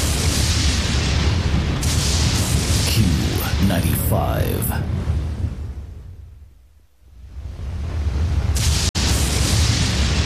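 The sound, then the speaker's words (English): Deep, rolling thunder booms from thunderstorms rumble loudly for several seconds, fade almost to silence, then swell back into a heavy roar. A voice briefly speaks over the rumbling. “The roaring drumbeat of thunderstorms, the continuous crackling bursts and flashes of lightning, again and again.”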